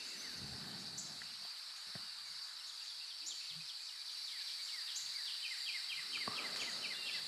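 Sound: birdsong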